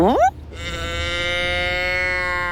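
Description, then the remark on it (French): Cows from a herd in the countryside moo: a short rising call cuts off, then one long, steady, drawn-out moo holds for a couple of seconds, loud. “Toudou voit un troupeau de vaches.”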